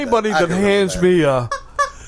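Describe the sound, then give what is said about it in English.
A squeaky rubber chicken is squeezed, giving a long, buzzy, wavering honk, followed by two short, clipped squawks at the end. “Anybody that hands me a squeaky chicken, that's nonsense.”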